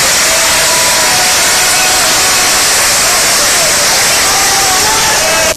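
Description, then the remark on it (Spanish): A large audience at a political event in Mexico applauds after being asked to give a strong round of applause for Andrés Manuel López Obrador, a dense, steady roar of clapping that stays loud and even for several seconds before cutting off abruptly at the end. “Me genera la duda, como que estaban medio dispersos, como que no sé qué, y oye, en López Obrador en automático aplaude, ¿no?”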